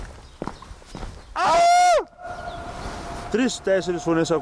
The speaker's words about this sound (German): Hast du es gehört? Meine Stimme war noch drei weitere Male zu hören.